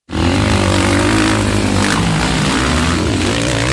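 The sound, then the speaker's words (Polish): Speedway motorcycles roar loudly and continuously at the Speedway Euro Championship (Individual European Speedway Championship) in Zielona Góra, their engines droning in a dense, buzzing wall of sound with shifting pitch as the bikes race. No one speaks. “Słyszysz to? To dźwięk wielkich emocji. Speedway Euro Championship. Indywidualne Mistrzostwa Europy na żużlu w Zielonej Górze.”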